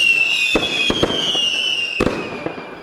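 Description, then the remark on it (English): Fireworks pop and crackle in a quick, irregular string of sharp bangs, with a high whistling tone running steadily underneath. Moderately loud, and no voices. “Someone said I should make a big thing of it, so I don't know, fireworks or something, I suppose.”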